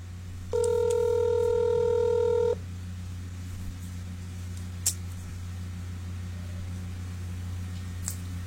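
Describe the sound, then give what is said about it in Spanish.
A single telephone ringback tone sounds for about two seconds, a steady electronic buzz from a call to a woman who is not answering, followed by quiet line hiss with a low hum and a couple of faint clicks. “Ya le iba a regañar, dije, ¿dónde dejó el teléfono de la hermana que no me contesta?”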